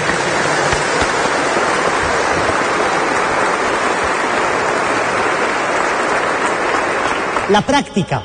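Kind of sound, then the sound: crowd, applause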